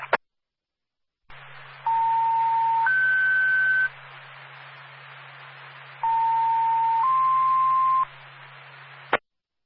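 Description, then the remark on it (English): A dispatch radio alert plays two sequential two-tone pages over a hissing radio channel with a low hum, calling additional personnel to assist an ambulance with a lift assist. Each page is a steady tone stepping up to a higher one, bracketed by squelch clicks. “If you can give us a tone, appreciate it.”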